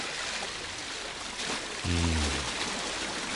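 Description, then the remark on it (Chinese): Steady rushing water from a shallow river outside a city wall, swollen high in May and nearly flooding the whole city, flows throughout as a broad continuous wash, with a brief low droning tone rising out of it near the middle before fading back into the flow. “城外浅河河水高涨，差不多淹没咗整个城两阵。今系五月天时，河水唔会咁高涨。”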